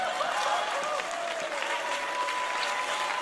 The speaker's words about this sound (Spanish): Y todos los que están aplaudiendo son medio hipócritas.